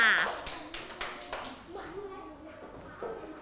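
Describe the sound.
A short round of children's hand clapping, several sharp irregular claps in the first second or so, then tapering off as quieter voices murmur underneath.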